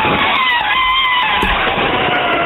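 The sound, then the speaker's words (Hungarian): On the Rádió 1 radio show, a person imitates an elephant trumpeting with their voice, one loud, sustained, brassy blare with bright wavering overtones that holds steady for about two and a half seconds. “Van egy másik állatnak a hangja is, amit tök jól tudok utánozni, az az elefánt.”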